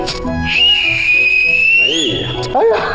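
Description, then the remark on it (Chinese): A person whistles one long, steady note lasting over a second, ending with a slight upward slide. It is loud, with voices talking just before and after it. “你看他双腿是微曲的，手往这里一搭，手里还打着一个口哨。”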